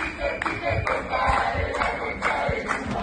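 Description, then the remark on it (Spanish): A crowd of Argentine protesters dressed as Gandalf shouting and chanting together outside Peter Thiel's house, a steady, dense roar of many voices with rhythmic surges and occasional sharp yells rising above the din. “Y en este caso vamos a ver y a compartir imágenes, y yo les voy a contar, hubo una manifestación de Gandalfs argentinos.”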